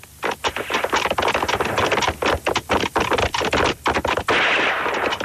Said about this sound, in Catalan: El que sentiu són canonades.